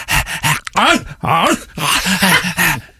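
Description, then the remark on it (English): A person imitates their elderly dog, Dora, moaning: a series of loud, drawn-out vocal groans that waver up and down in pitch, coming in four or five bursts separated by brief pauses. “I've got an elderly dog that won't shut up.”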